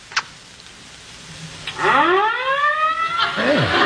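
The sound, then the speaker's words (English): Fire engine sirens start wailing after a couple of faint knocks, sounding very close in the street outside, a loud rising howl that climbs steadily in pitch before another tone begins sweeping down underneath it. “Hey, I wonder where the fire is.”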